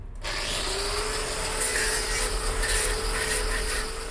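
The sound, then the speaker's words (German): A power grinder runs steadily against an animal's hoof during hoof care, after the hoof has been scraped out and trimmed, a dense, loud abrasive roar with a faint whining tone underneath, starting abruptly and holding for about four seconds without speech. “Erst auskratzen, eventuell zurückschneiden, dann kommt das Schleifen.”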